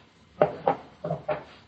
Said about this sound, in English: Then he got up, took out his gun, laid it on a table.